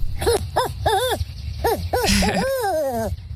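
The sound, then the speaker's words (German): A man from the USA, standing out in nature, imitates a bird call: several short, arched chirps in quick succession, then a brief buzzy note and a longer, sliding, descending call, loud and clear with no other talking. “Er steht da nämlich mitten in der Natur und imitiert Vögel wie ein richtiger Profi.”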